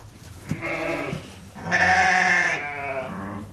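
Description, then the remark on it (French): Several Montagne Noire ewes, a small local breed raised for lamb meat, bleat in a sheepfold on a farm as people arrive, overlapping wavering cries, one louder call rising in the middle, with other sheep calling softly around it. “On arrive là à la bergerie. Elles nous entendent. Elles sont magnifiques, ces brebis.”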